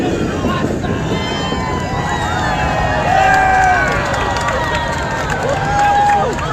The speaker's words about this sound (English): A large crowd gathered around the old Missouri Pacific Depot at 3rd Street and Lee Summit, where the train whistled past excited onlookers.